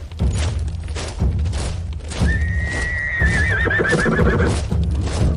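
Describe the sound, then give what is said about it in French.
A horse whinnies loudly with a long, wavering high cry, while hooves clip-clop steadily over a busy rumbling background as a military column of horses and soldiers moves slowly past. “Ces colonnes se déplaçaient lentement au rythme de la marche des chevaux et des soldats à l'arrière des régiments d'infanterie.”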